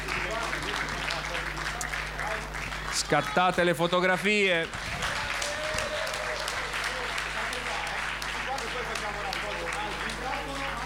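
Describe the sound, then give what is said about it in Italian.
Steady audience applause, a dense crackle of many hands clapping that fills the whole stretch, with a brief spoken remark and a short burst of cheering voices rising over it midway. “Oh, facciamogli un applauso, la consegniamo.”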